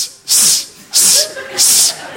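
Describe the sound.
A voice imitates a snake's hiss three times, each a loud, sharp 'sss' of about half a second, separated by short pauses in an even rhythm.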